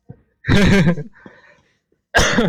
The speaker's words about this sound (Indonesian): Aduh, batuk.